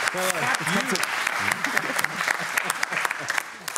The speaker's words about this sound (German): Jetzt kannst du, und du musst so lange klatschen, bis wir wieder im Bild sind.